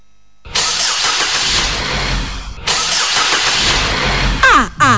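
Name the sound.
car engine starting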